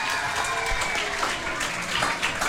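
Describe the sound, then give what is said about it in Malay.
An audience at a pantun recital event applauds a religious teacher who has just introduced himself: a dense, steady wash of many hands clapping at once, moderately loud and sustained throughout, with a few voices faintly mixed in. “Tepuk tangan sikit.”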